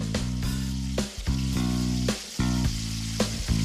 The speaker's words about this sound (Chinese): 包好的鸡子果放入油锅煎一下，等到底部定型后，就要轮到鸡蛋出场了。将鸡蛋打散，加入一点酱油调味。从面皮上预留的小孔灌入，用蛋液填满鸡子果的内部，之后翻面煎熟。